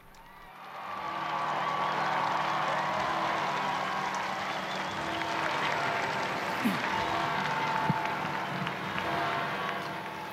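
A large crowd applauds and cheers steadily to welcome the Holy Father as he appears for the Sunday liturgy, a dense wash of clapping and voices that swells after a quiet first second and stays loud and sustained throughout.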